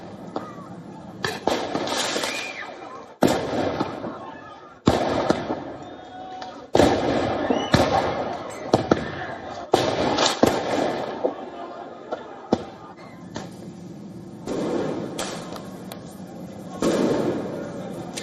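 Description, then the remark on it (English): Loud fireworks and smoke bombs go off in sharp, irregular, cracking bangs as riot police clash with protesters in a suburb of Paris, France, over a constant roar of crowd noise and shouting voices, with brief bursts of popping in between. “Riot police clashed with the protesters in a suburb of Paris, meanwhile, with fireworks, tear gas, smoke bombs being fired at regular intervals.”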